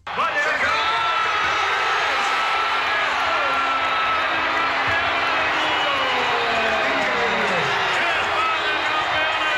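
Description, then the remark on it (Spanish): A crowd of thousands at the Palacio de Congresos de Granada, Spain, cheers and sings at night celebrating Spain's football victory, a loud, dense roar of many voices with chanting melodies rising and falling, sustained without pause for the whole stretch. “con miles de personas, con un dispositivo especial de seguridad, vibrando todos y cantando con la victoria de España hasta altas, altísimas horas de la madrugada.”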